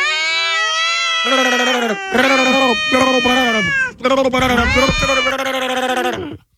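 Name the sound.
cats meowing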